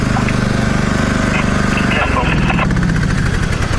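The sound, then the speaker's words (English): A riding lawnmower engine runs loud, a steady rumbling drone with a slight shift in pitch midway, as a man rides it along Old Munson Road, with indistinct voices partly buried beneath the motor. “Hey, man, turn the lawnmower off!”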